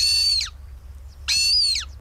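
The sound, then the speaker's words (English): A Montagu's harrier, the UK's rarest breeding bird, gives two loud, shrill calls, each about half a second long and dropping at the end, with a short pause between them over a low background rumble. “The twitchers amongst you will recognise the sound of a Montagu's Harrier there.”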